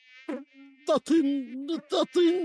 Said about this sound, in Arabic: هجمت جيوش البعوض وقتلت كل جنودي وأدماعي، ودخلت بعوضة إلى رأسي تطن طوال اليوم.